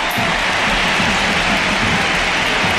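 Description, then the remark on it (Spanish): A large stadium crowd at Camp Nou, officially 40,533 people, cheers and applauds in an ovation as Graham Hansen and Claudia Pina are substituted, the clapping blending into a loud, steady wash of noise that holds for the whole stretch without any voices standing out. “La primera sustituida es Graham Hansen, que se lleva esta ovación. Y Claudia Pina, escuchamos el Camp Nou.”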